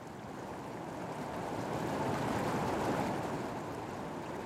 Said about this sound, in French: Sous le désert, la cascade.